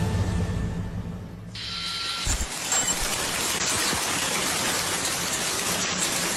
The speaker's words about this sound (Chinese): 听到的这段音响，这啊就是冰雹，它是去年这个时候，当时呢网友的这个录音和视频里的声音。 很多网友在网上留言说，他呀明显能够听到这个冰块击打玻璃的声音。